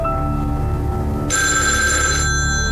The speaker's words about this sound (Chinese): 您的电话响。